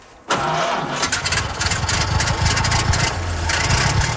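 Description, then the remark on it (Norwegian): A vintage car engine catches after a brief quiet moment and keeps running loudly on a steep hill at the Rally Tronåsen veteran car rally in Lund municipality, Rogaland, its low, uneven rumble steady throughout with a rough, sputtering edge. “Ja, 300 kjøretøy, de eldste over 100 år, prøvde på lørdag å komme seg opp de bratte bakkene, som faktisk var en del av selveste Rally Monte Carlo I 1931.”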